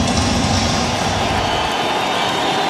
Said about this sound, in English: Crowd rising here at Dodger Stadium.